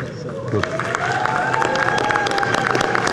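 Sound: audience applause and cheering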